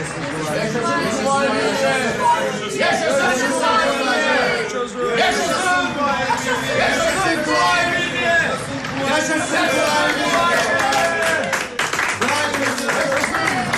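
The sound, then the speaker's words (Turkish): A large crowd in Bursa, gathered along the roadsides and at windows, cheers and claps continuously in welcome, a dense wash of overlapping voices and applause with no single speaker standing out. “Yol kenarlarından, pencerelerden bize alkış tutuyorlar. Vay canına, bu insanlar bizim için mi dökülmüşler yollara?”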